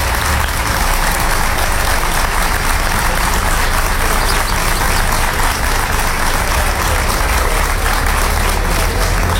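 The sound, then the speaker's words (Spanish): A crowd applauds steadily for several seconds, a dense, even wash of clapping at constant loudness with no break or voice over it, applause given to colleagues who came from Sevilla, Pegalajar and Besmar. “No somos solo nosotros, es un problema que está trascendiendo y por el que se están preocupando desde afuera, están poniendo esfuerzo y mucha voluntad otras personas, y se merecen desde luego ese aplauso que le habéis dado”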